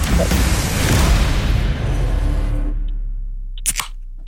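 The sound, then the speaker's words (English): A second drink can is cracked open with a loud, rushing fizz that gradually fades over a couple of seconds, followed by a quiet pause and a few small metallic clicks. “Anyway, here's can number two”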